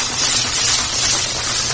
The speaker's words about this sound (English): give the onion, you hear that slow sizzle. That's the kind of temperature that you want.